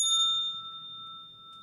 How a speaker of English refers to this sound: See, even the bell is sad.